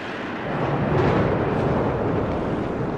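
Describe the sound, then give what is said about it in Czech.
A deep, rumbling crash of thunder rolls in, swelling after a moment and then sustaining as a broad, loud roar without any voices. “V tom nebe zčernalo, blesky se zaklikatily jako zdivočelé zmije.”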